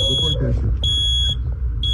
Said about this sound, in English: From a carbon monoxide alarm that kept going off.